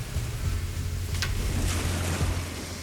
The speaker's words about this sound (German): Da ist das Wasser. Also das ist der Bodensee?